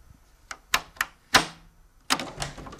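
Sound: door being opened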